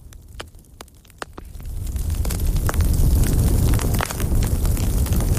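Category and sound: household object, crackling fireplace fire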